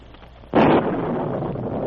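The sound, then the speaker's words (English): A sudden, loud thunderclap with a flash of lightning cracks out after a quiet moment, then rolls on as a sustained, broad rumble that fills the rest of the sound without fading away. “Hidden in a thick clump of shrubbery, they saw the Mountie revealed by a sudden flash of lightning just as he stepped onto the bridge.”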